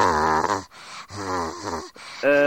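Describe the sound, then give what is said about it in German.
A child's voice imitates the raspy cough of men heard on the telephone, making several rough, groaning, voiced bursts separated by short breaths. The sounds are fairly loud. “Und da sind dann immer Männer dran, die haben Husten und so. Ganz kratzig.”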